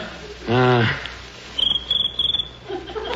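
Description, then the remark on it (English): A cricket chirps, rubbing its legs together, in three quick bursts of rapid, high-pitched pulses, following a brief voiced sound at the start against a quiet background. “That's the noise they make by rubbing their legs together.”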